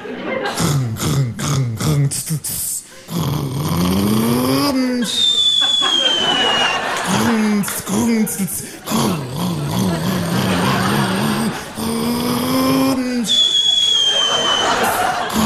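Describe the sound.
A voice imitates a Rába heavy turbo truck setting off carefully and accelerating, shifting up into third gear, with loud engine-like growls that climb in pitch, drop at each gear change, and rise again, accompanied by whistling turbo-like hisses.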